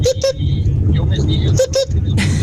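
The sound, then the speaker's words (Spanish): Two quick pairs of sharp, bright car-alarm-style chirps, made by a 5200 mobile phone when its flip cover is opened, ring out, a double beep near the start and another about a second and a half later, over a steady low rumble with voices underneath. “Y vos abrías tipo tapita y hacía ruido de auto, ese de alarma.”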